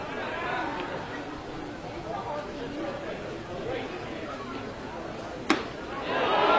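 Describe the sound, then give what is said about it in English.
A large crowd murmurs steadily in a baseball stadium, then a single sharp crack is followed by the crowd noise swelling louder in reaction to a pitch from Krebs, called a ball for a 3-1 count. “And whoa, you could hear it from the crowd reaction.”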